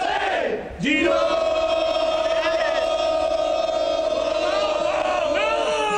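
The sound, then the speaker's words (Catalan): The Girona team's war cry in the locker room at Vallecas: a group of voices bellows a long, sustained chant in unison, a loud held shout that swells briefly at the start and holds steady for several seconds, with some voices wavering in pitch. “El crit del Girona.”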